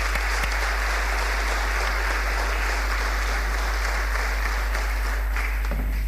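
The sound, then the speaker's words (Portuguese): Sustained applause from an audience at a municipal merit medal ceremony, for TAF Itâmega and Mr. Vítor Queiroz: a dense, steady wash of many hands clapping at once for several seconds with no voices over it. “Vítor Queiroz não está presente, mas por isso peço uma salva de palmas para a TAF Itâmega e para o Sr.”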